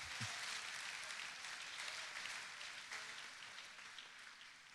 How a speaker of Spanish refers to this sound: Un aplauso para David.